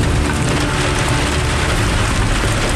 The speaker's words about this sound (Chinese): 今天这个雨有点太大了，估计这个还打雷，这样的话上山，如果往山梁上爬就有点危险了。